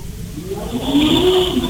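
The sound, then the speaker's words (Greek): A motorbike engine passing by, its buzzing, whining drone swelling louder and climbing slightly in pitch over about two seconds, with no voices. “Μηχανάκι.”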